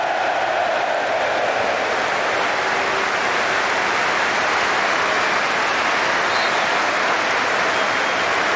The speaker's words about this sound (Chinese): 现场无论是水晶宫的球迷还是阿森纳的球迷，都对埃泽报以热烈的掌声。